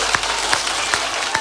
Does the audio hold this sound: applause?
yes